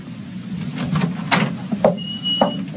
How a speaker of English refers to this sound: I went down the hall and opened the door.